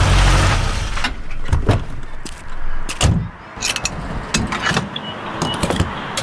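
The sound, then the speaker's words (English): Gasoline pumping into a car's tank: a steady rushing flow of fuel punctuated by several sharp mechanical clicks and clunks from the nozzle, with no voices. “Hear that? It's your paycheck going straight into the tank.”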